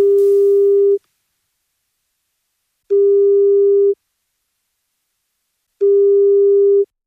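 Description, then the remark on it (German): A mobile phone call ringback tone, calling a mobile phone somewhere in Munich or the surrounding region, sounds three times: steady, clear one-second beeps separated by roughly two-second silences, heard alone on the line with no voices. “Und jetzt klingelt irgendwo in München und der Region ein Handy.”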